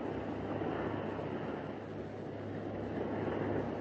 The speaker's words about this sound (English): Water. Water rushing around the elevator shaft. The submarine lock must have broken.